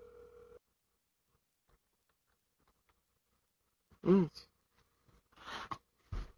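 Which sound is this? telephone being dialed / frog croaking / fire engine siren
telephone being dialed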